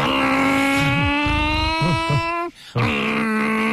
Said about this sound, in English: The cars keep you awake so that you can tell if you're about to get robbed.